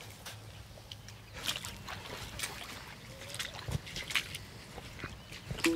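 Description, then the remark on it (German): Soft water sounds as a frog is released back into the water where it was caught: gentle sloshing and scattered splashes and trickles against a quiet outdoor background, with a few brief louder dips and ripples. “Lassen du vielleicht am besten wieder dort aus, wo wir ihn gefangen haben. Ne? Da im Wasser.”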